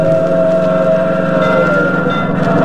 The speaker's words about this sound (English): I know what he's doing. He's trying to beat that train to the crossing.